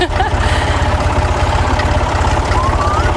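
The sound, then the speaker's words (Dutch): The engine of a red tractor being driven runs with a steady, rapid low chugging that stays loud and even throughout, with faint higher sounds drifting over the top. “Zo'n mooie rode trekker. Rien is op zijn rode trekker.”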